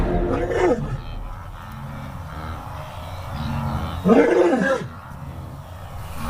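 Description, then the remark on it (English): A lioness roars twice, a short gravelly burst at the start and a louder, longer one a few seconds later, with a low rumbling background between them. “She is what a lion should be.She's a provider, she's a mother, she looks after cubs that aren't her own, she's the matriarch, she's the dame.”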